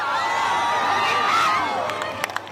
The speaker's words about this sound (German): So sah der perfekte Blick auf die verdeckte Sonne aus. Am Strand von Soyer hat sich ein Wölkchen davor geschoben. Trotzdem auch dort Jubel und Applaus.